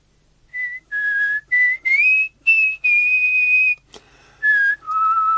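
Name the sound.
person whistling a tune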